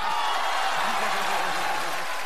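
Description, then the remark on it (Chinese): An audience applauds steadily, a dense, even wash of many hands clapping at once that holds at a constant loudness for a couple of seconds, with a faint murmur of voices underneath. “您就活在掌声里了，你知道？”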